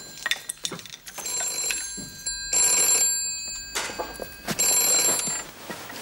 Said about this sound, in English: Oh, the telephone's ringing. Coming.